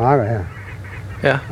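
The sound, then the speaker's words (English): A goose on a field honks loudly in a drawn-out call, then a quieter stretch follows before a second short, sharp honk breaks in near the end, over a low background murmur. “Sometimes it's completely black and gray with all the geese on the fields.”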